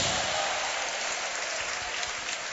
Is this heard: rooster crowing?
no